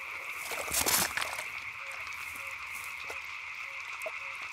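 Frogs croak to attract a mate, in short, evenly spaced calls over a steady, high-pitched chorus of night ambience, with a brief rustling burst near the start; the calls are moderately quiet and no one speaks.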